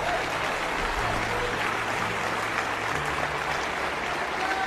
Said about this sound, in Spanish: Dale el aplauso al que vive.